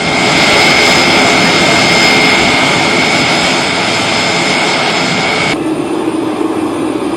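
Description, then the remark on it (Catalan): Loud, steady roar of the engines of a Spanish Air Force military transport aircraft that carried the Popemobile to Madrid, as the vehicle is unloaded, with a sustained high-pitched whine that cuts off abruptly near the end, leaving a lower rumble. No one speaks. “Aquest moment és el de la baixada de l'avió del Papa Mòbil, que està traslladat en un avió de l'Exèrcit de l'Aire.”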